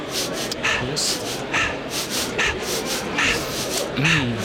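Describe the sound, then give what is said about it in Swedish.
A person breathing deeply and rhythmically during an exercise at a Tantra festival venue in Gamlestan, with airy, rasping breaths coming about once a second at a steady moderate level, and a few faint voiced murmurs mixed in. “Ja, det är inte jag som andas här i Gamlestan i lokalen där det just nu är Tantrafestival,”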